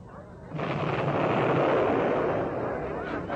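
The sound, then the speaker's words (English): A distant battle rumbles on, a dense, continuous roar of explosions and gunfire that swells in after a quiet moment and holds steady, with no single blast standing out. “I say, Ramsden, sounds like a real old battle going on back there.”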